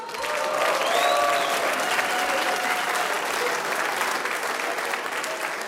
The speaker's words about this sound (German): Applaus für die Bedienungen.